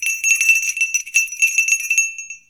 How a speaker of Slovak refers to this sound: Zvonili ste, pán prorok?